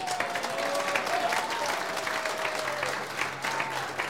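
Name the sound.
audience applause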